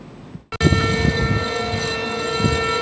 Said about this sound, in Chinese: 在黑龙江哈尔滨防洪纪念塔，悠长肃穆的警报声划破长空，响彻全城，社会各界代表庄严肃立，向抗日战争中英勇牺牲的革命先烈默哀致敬，深情缅怀革命先烈丰功伟绩。